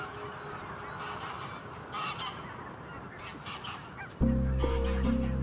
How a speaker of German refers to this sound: Nordische Gänse haben die Nacht auf dem See verbracht. In den Morgenstunden fliegen sie zu ihren Weideflächen.